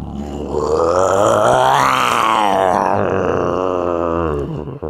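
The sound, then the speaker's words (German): A man imitates a lion's roar with his voice, one long, loud, rough growl that rises in pitch toward the middle and then sinks and fades over about five seconds. “Kannst du einen Löwen nachmachen?”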